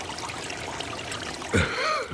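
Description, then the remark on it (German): Brook water trickles steadily and softly, with a brief, louder burst of sound near the end before the gentle flow carries on. “Sie machten sich auf den Weg und kamen an den Bach.”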